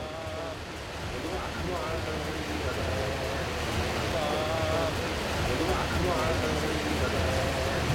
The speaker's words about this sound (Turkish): Şu anda otobüsümüzde kalmış durumdayız. İnemiyoruz aşağıya. Sebebi de yağmurun çok fazla olması. Kısa süreceğini söylediler.